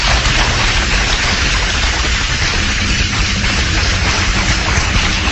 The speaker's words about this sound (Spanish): Mis amados hermanos, un fuerte aplauso al Señor.